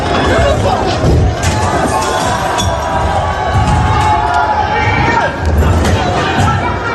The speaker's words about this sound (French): Voilà, on entend les heurts, les cris et les mouvements d'humeur de la jeunesse française dans ce grand mouvement lycéen.